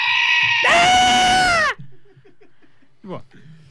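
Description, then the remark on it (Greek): A person lets out a loud, strained bleat imitating a sheep, a wavering nasal cry lasting over a second, followed by quieter murmuring and a brief second vocal burst. “Τι κάνεις τώρα, μιλάς με το άλλο πρόβατο.”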